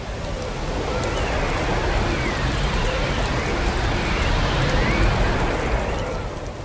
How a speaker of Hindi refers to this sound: जॉनसी खिड़की की ओर टकटकी लगाए बैठी रही और इस दौरान बर्फबारी के साथ पतझड़ के मौसम की बारिश शुरू हो गई। साए साए आंधी चलने लगी।